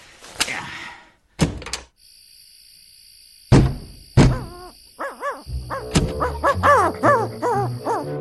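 An owl hoots repeatedly in a steady series of wavering calls, preceded by a few heavy thuds, with a faint high steady tone in the background.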